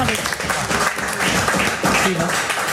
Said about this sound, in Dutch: Ja, applaus voor jou.